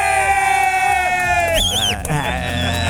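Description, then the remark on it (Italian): Loud, continuous cheering and whooping with a bright, wavering whistle cutting through partway in, energetic, made by one person alone who claps, whistles and cheers. “E da solo fa tutto lui, eh? Applaude, batte le mani, fischia, fa qualsiasi cosa.”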